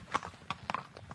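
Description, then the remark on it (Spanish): Horse hooves clip-clop along an 8-kilometre horseback tourism trail in Andalusia in a steady, uneven rhythm, about seven or eight sharp knocks, moderately loud, with no voices. “con la colaboración de AGTREA, una organización compuesta por empresas que desarrollan turismo a caballo y que operan en la comunidad.”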